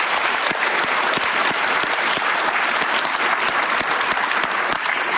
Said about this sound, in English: It's because of the wonderful women that are in the back each and every day. Could give them a round of applause.